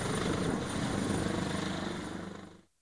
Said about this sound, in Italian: Prima l'ambulanza partita da Oliena, poi l'elisoccorso decollato da Alghero.